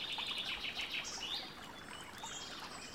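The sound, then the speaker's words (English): Several birds chirp and trill in overlapping bursts, high-pitched, with a soft steady background hiss like gently flowing water underneath. “There are birds singing.”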